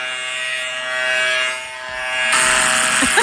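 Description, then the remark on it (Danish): A phone, when pressed, gives off a steady electric buzz much like a shaver or trimmer, a continuous whirring drone with a harsh, raspy edge that grows louder and brighter partway through. No one speaks. “Okay, så når man trykker på telefonen, så laver den også, den er som om den rent barberer.”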